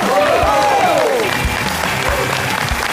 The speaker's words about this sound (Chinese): 那接下来掌声有请著名的相声演员刘伟老师。